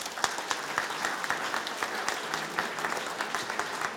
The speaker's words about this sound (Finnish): Mahtavaa. Aplodit vielä.